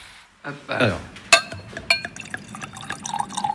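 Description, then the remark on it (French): Wine glugs and splashes as a second glass is poured during a live tasting, with a sharp glassy clink partway through and a few faint drips and taps toward the end. “Hop, je sers un deuxième verre, du coup.”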